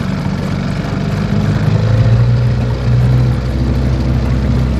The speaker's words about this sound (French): Quelques minutes en canot à moteur, et nous voilà déjà à bord, sur le fleuve, dans un autre monde.